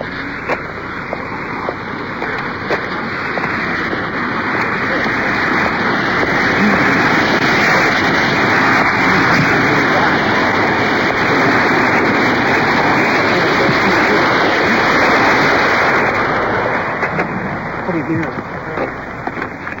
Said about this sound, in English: There's a waterfall. Probably can hear the water pouring over the top.